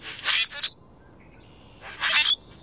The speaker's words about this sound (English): On the way to the bus or train stop, you might see a common grackle hopping along the curb.